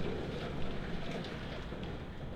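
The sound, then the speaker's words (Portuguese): A heavy downpour of rain roars steadily, a dense, unbroken hiss and rumble at constant loudness throughout, with no voices heard; the rain has just arrived at the Grupo Condá radio studio and is picked up by the Oeste Capital microphones. “Essa chuvarada que acabou de chegar, viu? Aqui no Grupo Condá também, gente. Já está aqui no nosso estúdio.”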